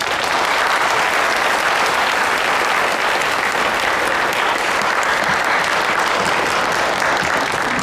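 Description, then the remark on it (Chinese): Sustained audience applause welcoming a poetry recitation performer at a Mid-Autumn Festival gathering, a dense wash of many hands clapping steadily at an even loudness for several seconds, with no voices standing out. “加油， 掌声有请。”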